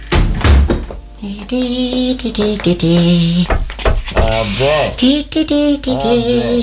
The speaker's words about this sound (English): I've only closed the door